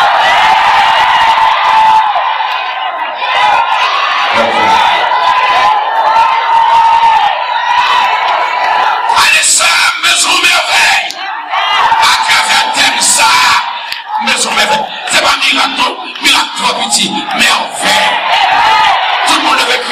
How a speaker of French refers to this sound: Pour qu'il y ait la foi, est-ce que vous voulez crier merveille avec nous?